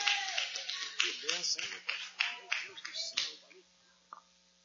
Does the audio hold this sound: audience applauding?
yes